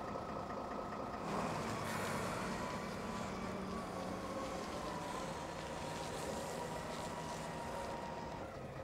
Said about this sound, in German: Denn er ist der Einzige, der hier den Containerstapler fahren kann.